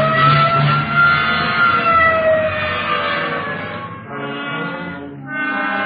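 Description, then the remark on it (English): A loud police car siren wails continuously, its pitch sliding slowly, with brief dips near the end. No voices are heard. “Okay, hit the siren. Let's move.”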